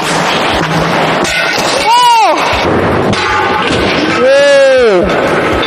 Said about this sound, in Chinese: 掉下来完以后，不仅玻璃掉了，玻璃还碎了，这如果掉下去真的是非常的危险。这个就是因为选择了这种开口压线。